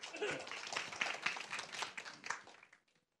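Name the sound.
audience applauding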